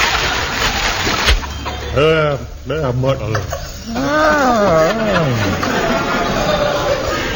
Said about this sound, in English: Is that real water? Oh, yeah. I got the maker's guarantee on this record. Oh, listen. This water is genuine, and any copy of it will be confiscated. Remember, only genuine water makes this sound.